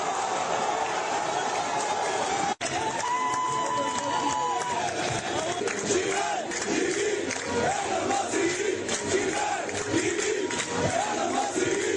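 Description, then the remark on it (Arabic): A dense crowd of Egyptian football fans roars and chants continuously, celebrating after the match, many voices overlapping in loud, sustained cheering with rising shouted calls and rhythmic bursts throughout. “هكذا كانت فرحة الجمهور المصري بعد المباراة.”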